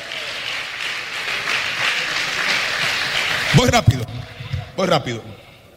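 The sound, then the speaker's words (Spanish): A crowd claps in a dense, steady burst of applause for several seconds, then it fades out as a voice starts speaking in short phrases. “Den un aplauso a Jesús, por favor.”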